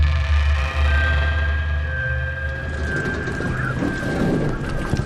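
Strong, steady roar of wind and churning water at a narrow wooden jetty swaying heavily in the waves in front of the Alfred Wegener Institute on Helgoland, North Sea, on a windy day, with deep low rumbling throughout and a faint whining tone drifting above; a loud outdoor scene with no voices.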